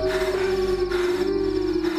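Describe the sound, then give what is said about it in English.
Dogs in pursuit, closing in, howl in a long, sustained wail that holds a steady pitch for the full two seconds, fairly loud against a dense background hum, with no one talking. “Okay, the dogs are closing in.”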